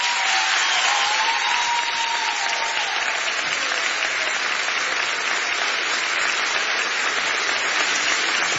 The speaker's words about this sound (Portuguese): Muito obrigada e bom espetáculo. Forte aplauso para a minha filha